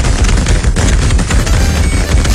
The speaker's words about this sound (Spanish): ¡Eso! ¡Que truenen los cohetes, muchachones!